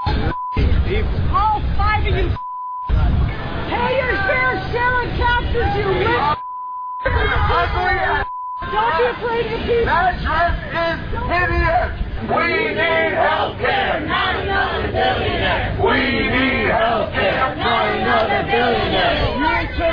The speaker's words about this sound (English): There was an event recently, the Manhattan Institute, which is this Republican think tank, and people were just dressed up in their formal outfits, and they were going out, and there were protesters outside screaming at them.